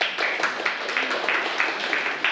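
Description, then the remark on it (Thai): A group of students in a class clapping together for a classmate's answer, a steady patter of many overlapping claps at an even, moderate level with no voices over it. “ครับนักเรียนปรบมือเพื่อนด้วยครับ”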